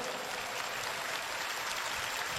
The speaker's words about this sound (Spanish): Fuerte ese aplauso para Jesucristo.